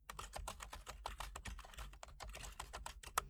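Rapid keyboard typing of a message, a steady stream of crisp key clicks with uneven rhythm and a few louder taps, continuing alone for a few seconds.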